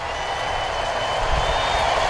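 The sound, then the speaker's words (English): Braves fans in a baseball crowd cheer as former Braves player Marcell Ozuna is introduced leading off for the Pirates, a steady, continuous roar, a dense wash of many voices holding at a fairly loud level throughout, with no single speaker standing out. “Marcell being introduced, and Braves fans reacting, and he takes off his helmet and shows respect to the crowd, holds his helmet up high, pats his chest.”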